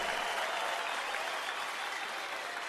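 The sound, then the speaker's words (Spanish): Thunderous, sustained standing ovation from a large audience for Kiko González, a dense steady roar of many hands clapping at once, holding evenly loud throughout without any break or fade. “El aplauso para Kiko González de pie.”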